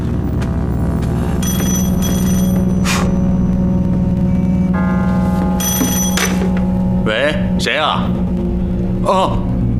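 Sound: telephone ringing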